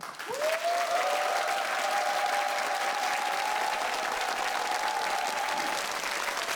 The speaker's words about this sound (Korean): 여러분의 큰 박수로 단가 사철가 청해보도록 하겠습니다.